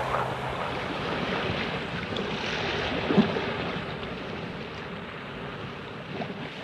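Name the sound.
ocean waves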